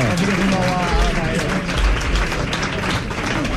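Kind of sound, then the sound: sound effect, applause sound effect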